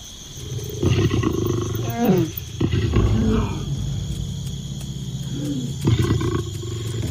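Lions roar and growl in several deep, rumbling bursts, some rising and falling in pitch, over a steady high-pitched drone of insects. No one speaks.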